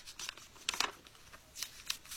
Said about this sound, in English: Wow. A page being turned and flipped.